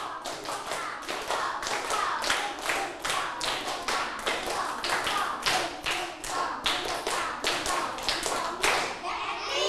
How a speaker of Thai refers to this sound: ลูกพร้อมแล้วปรบมือ5ครั้งปลายทางด้วยปรบมือ5ครั้งปรบมือ1ชุด